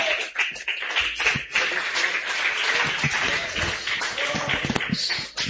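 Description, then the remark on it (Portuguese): A church audience applauds steadily to welcome the pastor, a dense wash of many hands clapping at once, sustained and fairly loud throughout with a few sharper individual claps standing out, and faint voices mixed in. “Vamos receber o nosso pastor com palmas de vitória que engrandece ao nome de Jesus.”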